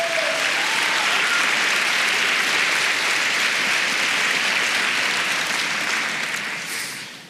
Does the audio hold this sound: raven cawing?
no